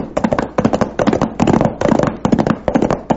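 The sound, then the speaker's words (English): A gang firing guns at the Charlton house: rapid, loud volleys of gunshots, dense clusters of sharp cracks in bursts of about half a second separated by brief gaps, continuing steadily with no voices. “Sounds like shooting.”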